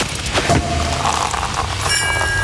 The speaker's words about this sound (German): denn immer, wenn ihr bei uns die Sektkorken knallen hört, Achtung, schneller Beispielton.